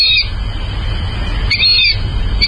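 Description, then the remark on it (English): A fulvous whistling duck, a bird of North America, gives squeaky, high whistled calls in three short bursts, fairly loud, over a steady low rumble of background noise. “But birders in North America know the word in association with today's featured feathered friend, the fulvous whistling duck.”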